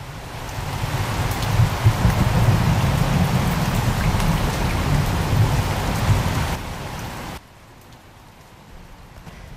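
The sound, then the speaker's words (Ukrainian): A heavy, steady downpour hisses and drums, dense and loud with a low rumble underneath, then abruptly drops to a much quieter, thinner patter near the end. “З тихим дзвоном упали перші краплини, все стрепенулося за вікном і вже широкою чарівною музикою зашумів дощ, так описує дощ Олесь Гончар.”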